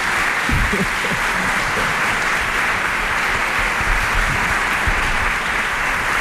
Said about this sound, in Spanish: Bueno, un aplauso, por favor.